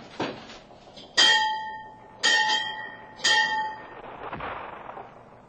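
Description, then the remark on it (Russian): A breakfast gong is struck three times at an even pace on a Sunday morning, each sharp metallic hit ringing out with a bright, lingering tone before the next. It is fairly loud, with no voices. “Чего не было гонга к завтраку?”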